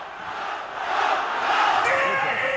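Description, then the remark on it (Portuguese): A stadium crowd of Náutico football fans roars and chants, celebrating a victory in Brazil's Série B championship, a dense, continuous wall of voices that swells a little louder partway through and stays high to the end. “A festa da torcida do Náutico continua.”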